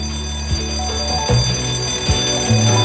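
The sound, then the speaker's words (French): Resonant church bells ring in a steady, overlapping peal, each strike blooming into long sustained tones that blend into a dense, continuous wash of sound with no voices. “Des premiers bâtisseurs jusqu'à ce jour, le tintement des cloches rythme nos jours.”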